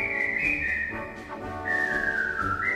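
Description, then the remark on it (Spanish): A bright, high whistled march melody, played as music of the River Kwai, moves in steady steps between held notes, carried loudly over a fuller band accompaniment with no talking. “Ya saben que estamos en Hablemos de Agua y miramos a la cuenca del Ebro mientras pasamos musicalmente por el río Kwai.”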